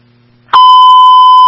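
A radio dispatch alert tone for Tri-County in Edison County, sent for an unconscious-person call with AMR Medical: after a faint low hum and a sharp click, a loud, steady, high-pitched tone holds unbroken for about a second, with no talking.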